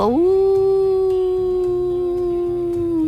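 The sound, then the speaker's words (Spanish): A person imitates a desert wolf's howl: one long, loud, steady howl that rises at the start and holds its pitch for about three seconds, with low rhythmic music underneath. “El lobo del desierto.”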